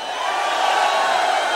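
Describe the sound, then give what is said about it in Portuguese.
A crowd shouts and cheers excitedly, many voices blending into one loud, sustained roar that holds steady for under two seconds with no single voice standing out. “Tem que gritar com empolgação, pô!”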